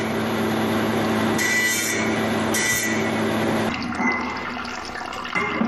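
A stone-cutting machine whirs steadily as it cuts unneeded parts from a block of jade to shape a Tibetan antelope carving, its droning hum mixed with splashing water, with brief brighter bursts in the middle before the grinding softens slightly toward the end.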